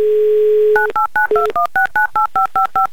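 A steady dial tone gives way to a rapid run of about a dozen touch-tone beeps, each a short two-pitched chirp in an even rhythm, loud with no voices.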